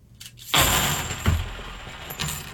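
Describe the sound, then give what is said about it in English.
A pile of 50 clad half dollar coins drops with a sudden loud clatter, then a dull thud and a brief jangling settle, with no talking. “I'm going to do the clad. Again, the same number of coins. 50 half dollars, what I'm using.”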